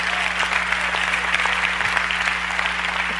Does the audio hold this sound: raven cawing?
no